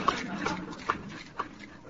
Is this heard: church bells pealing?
no